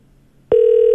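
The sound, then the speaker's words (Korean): After a brief hush, a steady telephone ringback tone starts abruptly and holds, clear and fairly loud, as a call to a listener rings through on the line. “신호는 갑니다.”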